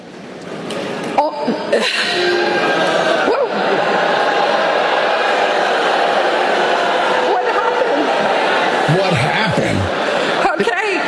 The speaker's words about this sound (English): Yes, well, they're all booing her because they just spent 4 years of their lives learning something in college that they're getting replaced with. But she's so clueless that she doesn't know why they're booing.